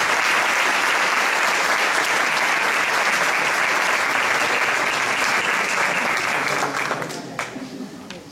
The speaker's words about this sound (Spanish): Pero ahora vamos a recibir con un fuerte aplauso